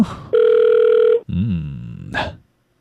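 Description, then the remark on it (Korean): A telephone ringback tone on an outgoing call placed to a listener during a broadcast: one steady, loud electronic ring of about a second, followed by a lower wavering tone and a brief bright burst before it cuts to silence. “전화가 오고 있습니다.”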